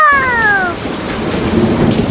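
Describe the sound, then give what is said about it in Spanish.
Heavy rain pours steadily as thunder rumbles low through a strong storm, with a brief falling whine at the very start; loud, no voices. “Se desató una tormenta fuerte, fuerte como la de ahora, como la que estamos teniendo ahora en este momento.”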